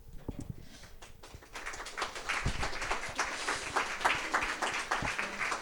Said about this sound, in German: Wir haben noch nichts geliefert und wir bekommen schon Applaus. Nice.